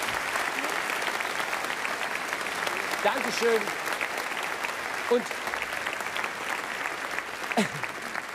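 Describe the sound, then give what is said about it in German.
Steady, dense applause from a sizable audience for former bridal couples fills the whole stretch at a constant level, with a few brief spoken words from someone breaking through over the clapping. “Jetzt gibt's mal einen Applaus für unsere ehemaligen Brautpaare.”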